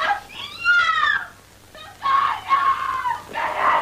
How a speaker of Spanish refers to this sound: ¿Eh? ¿Quién grita? Es mi hermanita que está ensayando. ¡Qué naturalita! Pero me va a despertar a todo el mundo.